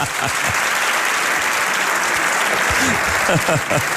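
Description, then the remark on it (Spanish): Steady, dense applause from a live audience in Vitoria-Gasteiz fills the whole stretch, loud, with a few indistinct voices briefly audible beneath the clapping. “Han aplaudido demasiado rápido, pero iba a decir Vitoria-Gasteiz para hacerme el guay aquí, pero no me ha dado tiempo.”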